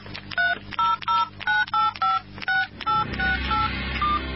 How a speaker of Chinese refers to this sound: 杨征拿起手机立刻又拨了一个号码